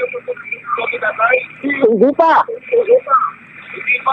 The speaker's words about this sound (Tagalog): Tatay, makinig po kayo sa telepono, huwag po sa radyo ninyo. Patayin niyo.